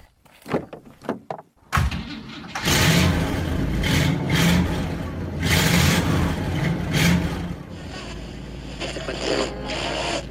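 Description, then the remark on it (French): A few sharp clunks like a car door shutting, then the big engine of a large Chevrolet car starts up and revs loudly, settling into a steady, heavy rumble as the car pulls away on the road in the United States. “Voilà, allez, on est en route avec notre grosse voiture aux États-Unis.”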